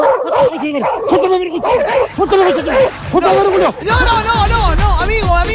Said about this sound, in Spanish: Wow, dice mi perro. Wow, está enojado.